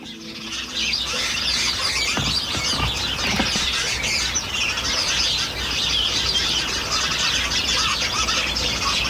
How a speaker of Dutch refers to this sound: Iedere avond hoort Agathe uit Dieren de mussen in haar voortuin. Aan het einde van de dag verzamelen ze zich in de verbena, wisselen de laatste nieuwtjes en roddels uit, zo schrijft Agathe.